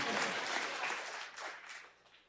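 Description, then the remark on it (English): An audience at a sermon applauds when asked who is grateful for God, with dense, steady clapping that gradually thins and fades over a couple of seconds, with no one speaking over it. “You were clapping like you wasn't sure.”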